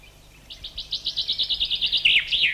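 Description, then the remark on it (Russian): A chaffinch sings a clear song: a rapid run of about a dozen repeated notes that speeds up and ends in a brighter, tumbling flourish with an added short note at the end, heard alone with no talking. “Некоторые зяблики, как, например, вот этот, добавляют еще короткий звук, как бы ставя вопросительный знак на конце.”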